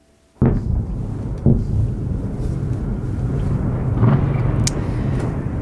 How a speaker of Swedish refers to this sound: Ja, tunga rökmoln över Kiev, så här lät det i onsdags när Ryssland avfyrade 24 ballistiska robotar i en av de dödligaste attackerna mot Ukrainas huvudstad i år.